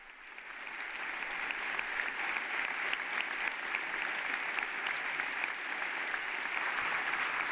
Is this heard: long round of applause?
yes